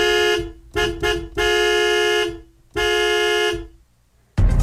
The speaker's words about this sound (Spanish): Ya la escucharon, señoras y señores. El claxon está sonando y eso solamente puede significar una cosa. Es momento de participar.